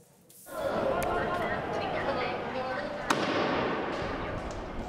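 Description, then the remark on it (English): A single sharp firecracker bang, lit by protesters blocking streets in La Paz, Bolivia, cracks out over a dense, roaring crowd, with loud indistinct voices and commotion filling the scene throughout as police respond with tear gas. “Another tense day in La Paz, with protesters blocking streets and lighting firecrackers, and police responding with tear gas.”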